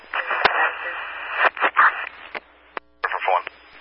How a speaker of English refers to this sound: You were all static, unreadable.